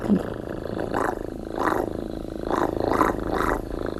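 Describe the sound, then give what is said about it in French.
A voice imitates a cat's purr with the mouth as a sound effect: a continuous low, rumbling drone with rhythmic swells roughly every half second, steady, with no talking. “Par exemple, les petits chiens, un petit chat qui ronronne.”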